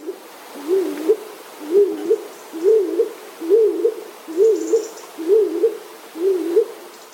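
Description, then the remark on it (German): A stock dove calls in a steady series of about seven low, dull, hollow coos, each short and evenly spaced, with no talking over them. “Die Hohltaube klingt dumpfer und kürzer.”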